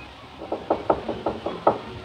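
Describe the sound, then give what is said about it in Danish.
Knocking on a door: a woman knocks again, a series of about eight sharp raps in a loose, insistent rhythm, moderately loud, with no voices. “Og de med de at kysse, så de hører ikke, hun banker igen.”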